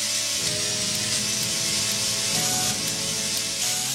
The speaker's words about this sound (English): it sounds great even when played by an orchestra of chainsaws, as you're hearing right now.